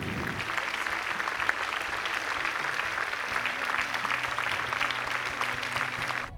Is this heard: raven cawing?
no